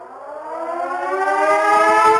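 A loud air raid siren wails steadily, its harmonic tone rising slowly in pitch and swelling in volume over a couple of seconds, with no voices present.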